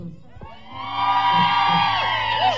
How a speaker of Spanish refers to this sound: ¡Y por acá el grito!